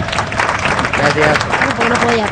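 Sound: applause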